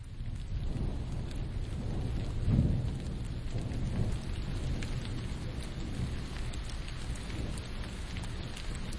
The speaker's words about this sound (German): Es regnet.